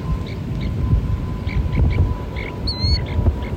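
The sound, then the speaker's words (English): A Western snowy plover chick chirps from inside its egg, recorded at a nest at the Salinas River National Wildlife Refuge: soft, high peeps repeat every half second or so, with one brighter, louder chirp near the end, over a low, muffled rumble. “That's the sound of a snowy plover chick chirping from inside an egg.”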